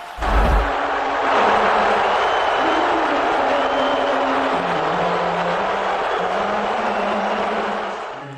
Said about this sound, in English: You may have been able to make it out there that the Spurs weren't the only ones getting booed during Monday night's game. President Trump not getting a friendly reception by some at the game.